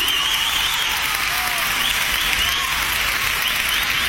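A crowd applauds steadily, a dense, even wash of many hands clapping that stays loud and constant throughout, with no voices on top.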